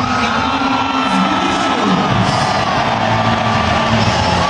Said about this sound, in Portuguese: Vamos para Giovanni Cabral. Aplausos, aplausos.